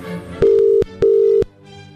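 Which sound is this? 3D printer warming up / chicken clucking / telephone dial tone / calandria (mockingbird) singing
telephone dial tone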